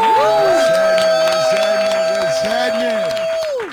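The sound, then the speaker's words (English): A loud, steady wash of audience cheering and applause with whoops rising and falling over it, a long held note running through, lasting several seconds before tapering off at the end, as a guest is welcomed. “Listen, y'all, give it up. Show your love.”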